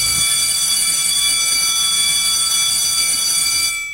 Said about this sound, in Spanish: Ya dieron el timbre y aquí comienza.